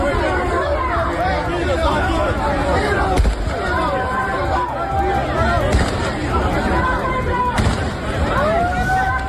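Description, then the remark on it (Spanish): Thousands of people run from the Trampolín and Benítez beaches toward the city port while police hold them back; a dense crowd roars and clamors in continuous overlapping shouts and voices, loud, with sharp bangs and cracks of shots fired into the air punctuating the chaotic din every few seconds. “miles de personas a la carrera, desde las playas del Trampolín y de Benítez para llegar al puerto de la ciudad.”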